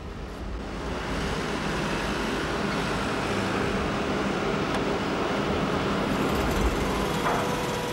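A motor-driven inclined hoist hauls a load of stones, the same number of stones as an earlier vertical hoist driven by the same motor, giving off a steady, unbroken mechanical rumble and hiss that holds an even loudness throughout, with no voices.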